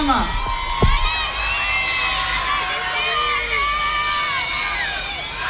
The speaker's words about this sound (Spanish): Comienza ahora los aplausos del público